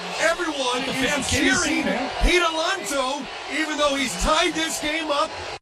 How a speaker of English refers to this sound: Everyone is cheering Pete Alonso, even though he's tied this game up.